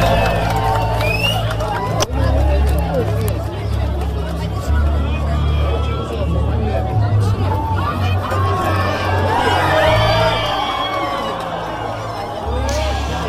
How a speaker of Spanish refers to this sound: siento decir que el deseo no se le cumplió porque fue tapar la luna por completo al sol y la playa llenarse de gritos y aplausos. Lo que se vivió fue una auténtica locura.